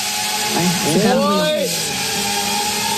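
A drone's high, buzzing motor whine hums steadily, its pitch swooping up and down in wavering sweeps midway before settling back, all over a constant airy hiss.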